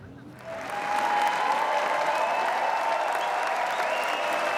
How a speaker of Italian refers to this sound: La sala Lumière contiene oltre 2000 spettatori. Gli applausi alla fine della proiezione sono un'esperienza unica.